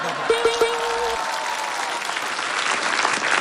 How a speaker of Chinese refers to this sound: 哎呦，天塔，我怎么办呢？我鼓掌吧。